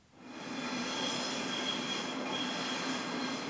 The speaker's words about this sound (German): Züge brettern über die Schienen, Fahrgäste laufen über die Treppen